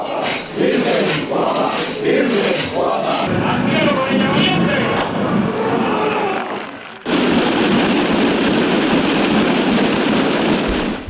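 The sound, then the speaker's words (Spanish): A thunderous roar of countless Holy Week procession drums of the Tamborada de Gin, Albacete province, Spain, on Holy Thursday, pounding together in a dense, unbroken rattling wall of sound with crowd noise mixed in, swelling even thicker and louder partway through. “La Virgen Guapa de Jueves Santo y el rugido de los tambores de Gin.”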